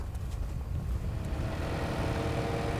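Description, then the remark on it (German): A tractor engine drones steadily, a deep continuous rumble with some wind buffeting the microphone and no voices, as a 16-year-old drives the tractor across a farm field. “Hat eine gute Beschäftigung, der fährt ja gerne Trecker.”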